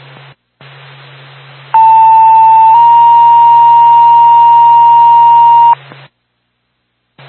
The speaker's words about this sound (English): J2, Barna EMS, stand by for a tone.